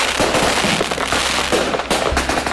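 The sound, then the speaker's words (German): A dense, continuous barrage of fireworks, rockets, firecrackers and whistling rockets going off around the Swiss National Day, loud crackling bursts and booming thuds overlapping with no pause, filling the whole stretch without any talking. “Ein leuchtender Zuckerstock auf dem Vorplatz, eine grosse Rakete am See oder dann einfach das Klepp von den Tönderen und Pfeifragete irgendwo im Dorf rund um den Schweizer Nationalviertag hat es etwa gang so getönt.”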